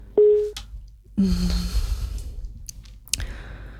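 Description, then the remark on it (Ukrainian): A short electronic telephone tone sounds on the line as a call comes through, followed by a lower, longer beep over muffled line noise and a few sharp clicks, with no talking. “Є дзвіночок.”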